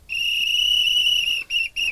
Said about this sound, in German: Für euer Rätsel lauschen wir gleich in ein Schwimmbad rein. Da hört ihr ganz viel und zwischendurch immer mal wieder dieses Pfeifen von einer Trillerpfeife von einer Schwimmmeisterin oder einem Schwimmmeister.